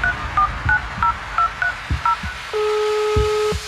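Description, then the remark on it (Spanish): A rapid run of eight short telephone keypad tones beeps in quick succession, then a steady dial-style tone holds for about a second, all clear with no voices. “Hello, contéstame el teléfono.”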